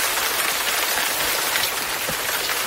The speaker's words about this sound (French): Mais il y a aussi la pluie tropicale dont vous m'avez dont vous me parlez